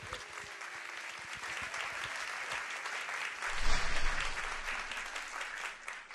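Sustained audience applause welcoming a vocalist in Korea, a dense steady wash of clapping that holds for several seconds and swells briefly louder in the middle, with faint crowd murmur underneath.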